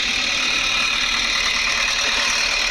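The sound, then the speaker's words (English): A tractor engine idles outdoors on a sunny Sunday, a steady unbroken rumble with a rough, gritty texture that holds at the same loudness throughout, with no voices. “Tractor's looking good.”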